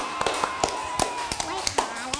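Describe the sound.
A short burst of hand clapping, with sharp claps landing at an uneven pace as if from a few people, fairly close, over a faint background of voices.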